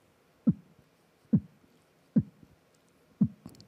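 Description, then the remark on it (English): Four deep, muffled beatboxed kicks thump at a slow, steady pace, each trailed by a softer echo hit like a lub-dub, a mouth-made imitation of a heartbeat with no talking. “Yes, it sounds like a heartbeat.”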